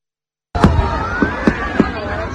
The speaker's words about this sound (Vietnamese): Còn tại Hà Nội cũng đúng 21 giờ pháo hoa đồng loạt khai hỏa tạo nên những chùm ánh sáng rực rỡ bừng sáng cả bầu trời đêm.